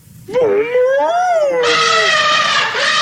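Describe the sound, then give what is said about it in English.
A long, wavering tonal call rises and bends, then breaks into a loud, brassy blare that holds for over a second, like two elephants trumpeting hard. “They both trumpeted as loudly as they could.”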